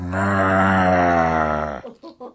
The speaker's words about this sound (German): Kann auch eine Kuh sein, Muh. Die Kuh sieht schwarz aus und gelb, weiß. Muh.